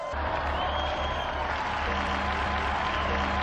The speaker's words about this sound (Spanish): Brindemos nuestro vivo aplauso al beato Luis Ceferino Moró.